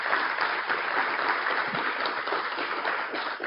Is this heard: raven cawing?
no